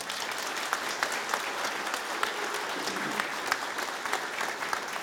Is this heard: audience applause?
yes